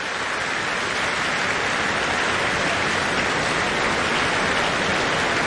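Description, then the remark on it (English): Dense, sustained applause from a large concert audience as violinist Wilde Frang returns to the stage, a steady wash of many hands clapping at once with no individual claps standing out and no voices heard. “Wilde Frang returning to the stage to take the applause and disappearing again into the wings.”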